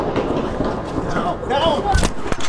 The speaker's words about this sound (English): Secret Service took him out. He was killed, died at the hospital after the shooting, but the majority of those gunshots were the authorities.